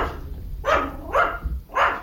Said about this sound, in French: accueilli par les aboiements d'un chien.